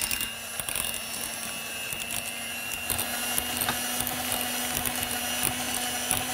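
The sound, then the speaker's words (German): An electric hand mixer whips a soft mixture, running steadily the whole time, its motor giving a constant buzzing hum layered with a busy, rattling whir from the beaters. No one speaks. “An der darfst du dich jetzt gleich austoben mit dem Mixer.”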